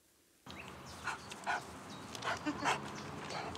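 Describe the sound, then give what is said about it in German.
Joscha, a male French bulldog from the Tierheim Wiesbaden animal shelter in Hesse, snorts loudly in a run of several rough, wheezy bursts with short gaps, over a steady low background rumble, with no one talking. “Lautes Schnaufen, gemächlicher Gang, typisch französische Bulldogge.”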